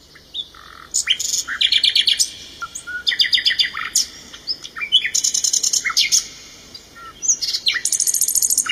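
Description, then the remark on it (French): A small grey nightingale sings a rich, varied song of rapid repeated notes, trills and whistles, phrases separated by short pauses, clear and fairly loud over a quiet background. “Le rossignol chanta si magnifiquement que l'empereur en eut les larmes aux yeux.”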